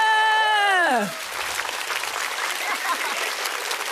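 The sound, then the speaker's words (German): A loud descending whistle-like whoop slides downward for about a second, then an audience at the Smash Comedy Show breaks into steady, dense clapping that carries on evenly to the end. “Kann man ruhig mal klatschen an der Stelle.”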